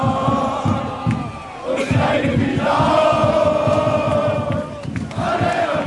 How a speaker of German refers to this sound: Und du hast ja gerade auch schon den Fanmarsch angesprochen. Wir hören noch mal rein, da bin ich ja eben auch mitgegangen.